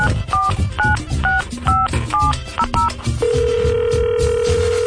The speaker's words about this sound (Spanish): Y vamos a marcarle al ganador del veranazo.